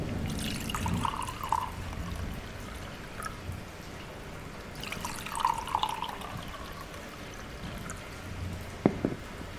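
Whisky pours into two glasses in two separate gurgling streams, each lasting a couple of seconds, followed by a single sharp glassy clink near the end. No one speaks.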